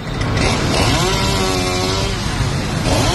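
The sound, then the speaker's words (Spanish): A chainsaw runs steadily, its engine snarling and briefly rising in pitch as it bites into wood, cutting down trees around the Plaza de Cibeles in Madrid to install a stage for the Pope's visit, with a constant loud buzz and some outdoor background noise. “El sonido de la motosierra alertaba a los viandantes y a Más Madrid, que denunciaba ya en el interior la tala de árboles en el entorno de la Plaza de Cibeles para la instalación de un escenario para la visita del Papa.”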